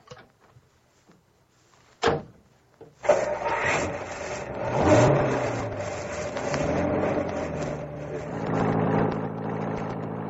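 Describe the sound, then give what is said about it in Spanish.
A sharp thud like a car door shutting, then a car engine catches and runs steadily, swelling as the car pulls away; fairly loud, with no voices. “¿Suba usted también en el coche, señorita?”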